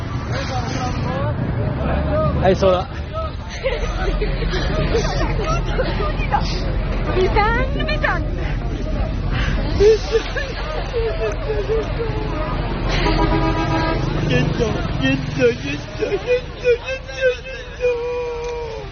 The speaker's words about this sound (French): Il y a un bus qui arrive, un bus blanc, qui arrive sur ce parking.